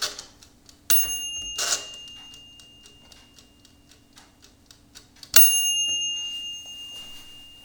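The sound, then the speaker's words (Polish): The mechanical timer bell on a Turbo halogen convection oven rings twice, a bright metallic ding that lingers and fades, with the timer's steady ticking audible in between, signalling it is time to take the food out of the bowl and off the grill. No one speaks. “Kombiwar się przypomni, kiedy nadejdzie czas wyjęcia jedzenia z misy i z rusztu. Po prostu za pomocą takiego dzwonka, ja może jeszcze raz zademonstruję ten dzwonek.”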